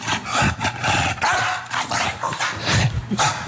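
An animal barks in a rapid series of harsh, raspy bursts, loud, with several calls packed into a few seconds and no talking.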